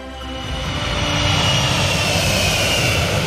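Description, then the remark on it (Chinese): A loud, steady roar of the engines of a Y-20 large military transport aircraft of China fills the scene, building slightly at the start and then holding a broad, continuous rumble with a high whine on top, sustained. “我们作为运二零机型啊，作为我们国家这种独有的大型空中运输机平台，在未来它担负着更加重要的角色。”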